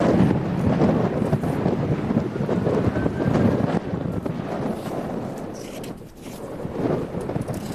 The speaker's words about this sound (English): And you can hear the serious challenges that crews are facing. Those ferocious howling winds are fueling these massive walls of flame.